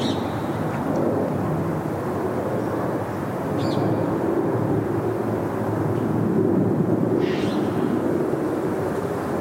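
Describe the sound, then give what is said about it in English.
A steady, loud roar of an airplane flying overhead, recorded right underneath the flight path, fills the whole stretch, a broad low rumble holding constant with a few faint bird chirps above it. “Waiting for this plane to go over.”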